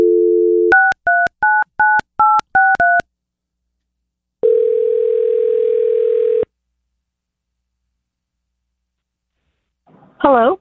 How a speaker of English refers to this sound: We're going to make this phone call. We're going to get Tasha on the phone